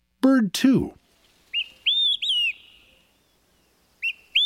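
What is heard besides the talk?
olive-sided flycatcher song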